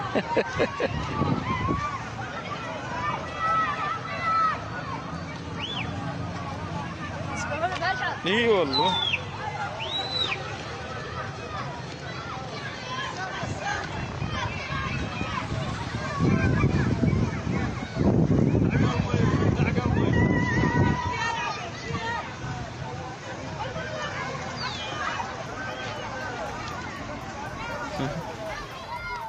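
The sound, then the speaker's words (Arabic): Children shouting and splashing as they swim in Hasakah, in summer heat, in water pooled after a water pumping pipe broke, water from the Alouk station. Lively voices overlap in a continuous babble, with a louder burst of splashing midway, over steady wind noise. “أطفال فرحون يسبحون في حر الصيف في مياه تجمعت بعد انكسار أنبوب ضخ للمياه.”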